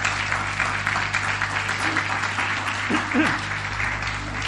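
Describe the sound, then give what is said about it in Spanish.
An audience at a Christian service applauds the Lord and the word of the Lord, steadily: a dense wash of many hands clapping at once, fairly loud and sustained throughout, with a few faint voices calling out beneath the clapping. “¿Quieres darle un aplauso al Señor? Dan un aplauso a la palabra del Señor.”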